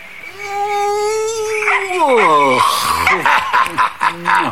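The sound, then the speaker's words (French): A big guard dog named Chef, tied to its kennel and greeting its owner, lets out a long, steady whine that slides downward in pitch, then breaks into a quick run of short, excited barks and yelps. “Son gros chien de garde, chef, attaché à la niche, lui fit la fête.”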